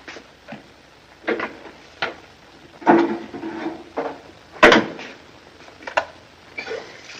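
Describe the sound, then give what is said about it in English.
A bottle of bourbon and glasses are fetched from a cupboard: irregular wooden knocks, a door thump and light glassy clinks, with one sharp clack near the middle, with no one speaking. “He goes and gets a bottle. Get a couple of glasses, will you?”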